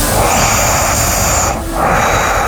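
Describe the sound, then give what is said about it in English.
Loud, heavy breathing through the nose of someone asleep, a rough, airy rush that briefly softens and then swells again, with no talking. “Some heavy nose breathing. Yeah, it's all nasal passage.”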